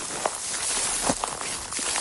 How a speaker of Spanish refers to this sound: Así suena el suelo, los palos y las ramas de los pocos árboles que quedan. Son las pisadas de nuestro compañero